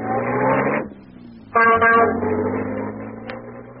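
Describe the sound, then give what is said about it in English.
An ancient taxi catering to tourists, heading to the Taj Mahal, chugs along a street thronged with children and donkeys with a droning, rattly engine, while two loud, buzzy horn blasts sound, the second one stuttering, amid steady street noise. “So I hailed one of the ancient and unlikely taxis that catered to tourists.”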